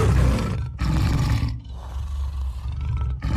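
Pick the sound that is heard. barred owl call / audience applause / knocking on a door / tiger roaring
tiger roaring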